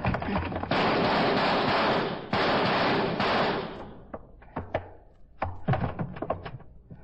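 A door is forced open with a loud, sustained crashing burst, followed by a series of sharp, uneven thuds and knocks that gradually thin out.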